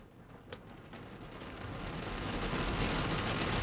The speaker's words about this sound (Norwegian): Regn.